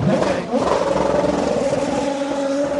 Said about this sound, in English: Another beautiful sounding race car, isn't it? It's got fresh tyres, it's got a tank of fuel.